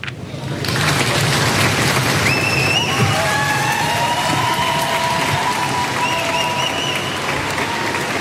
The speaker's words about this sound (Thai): ได้รับเสียงปรบมือและเสียงเชียร์ดังกระหึ่มแล้วค่ะเมื่อเคียร์สตาร์เมอร์นายกรัฐมนตรีอังกฤษเดินออกจากบ้านเลขที่10ถนนดาวนิงกรุงลอนดอน